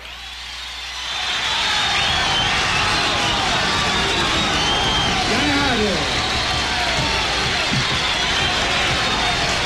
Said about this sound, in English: As a result, the original recording of this has an enormous amount of crowd noise, and it makes it all the more exciting.